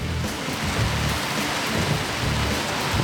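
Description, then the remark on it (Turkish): Heavy rain pours down steadily in a dense, hissing roar, with a low rumble of thunder rolling underneath throughout. No one speaks. “Ancak yağmur şiddetini birden artırdı ve fırtınaya dönüştü.”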